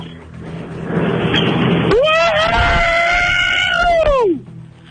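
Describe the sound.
A man lets out a loud, sustained high-pitched scream imitating a rock singer, held steady for over two seconds before sliding down and cutting off, after a stretch of noisy background.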